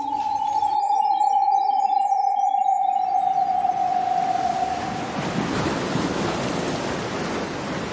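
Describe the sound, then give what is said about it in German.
Sea waves wash onto a beach in a steady, loud roar of surf that swells and dominates the second half, after a sustained high tone fades away at the start. No voices. “Ein ganz anderes Kunsterlebnis führt mich zurück ans Meer.”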